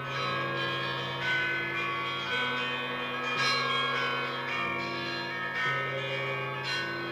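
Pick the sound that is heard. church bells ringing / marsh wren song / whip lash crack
church bells ringing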